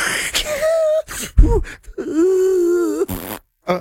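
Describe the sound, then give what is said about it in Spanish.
A person imitates snoring with their voice: a wavering, droning hum, a rough snorting breath, then a longer nasal drone ending in a sharp hissing exhale. “Eso es otro ronque. Roncas por varios lugares.”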